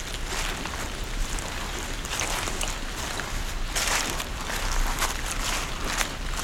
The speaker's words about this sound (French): Vous entendez, alors que la pluie a cessé, les gouttelettes d'eau qui dégoulinent le long des troncs et des branches de la hêtraie.